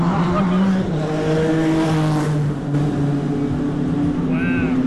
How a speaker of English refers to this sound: watched the cars race down the track yesterday